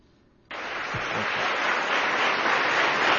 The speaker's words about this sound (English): All right, thank you. You clap because I'm your boss.